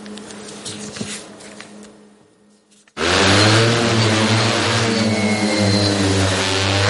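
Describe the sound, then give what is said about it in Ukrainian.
A Vampire heavy bomber drone of the Rubizh brigade crew takes off on the Pokrovsk direction of the front; its rotors start up abruptly and settle into a loud, steady buzzing drone with strong harmonic hum, after a few seconds of quieter low rumbling and faint clicks. “Важкий бомбер-вампір екіпажу бригади «Рубіж» піднімається у небо на Покровському напрямку фронту.”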